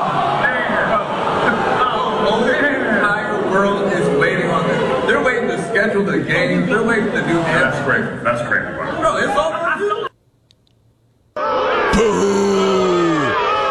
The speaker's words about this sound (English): Boo! He's even got his own people booing him.